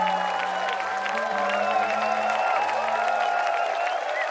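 A large concert crowd applauds and cheers steadily, a dense wash of clapping and shouts at a constant level, with sustained musical tones still ringing underneath.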